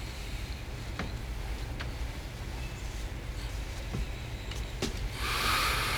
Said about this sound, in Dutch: Ja, om die vrachtwagens te overstemmen moet ik mijn stem een beetje naar beneden halen, heb ik al begrepen?